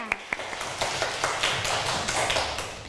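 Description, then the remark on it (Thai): A class of students, at the teacher's request, breaks into loud applause for group one after its group work: two sharp taps, then a dense, steady patter of many hands clapping together at moderate loudness for about three seconds, with no speech over it. “ขอเสียงปรบมือให้กับกลุ่มหนึ่งด้วยค่ะเสียงดังๆเลยค่ะ”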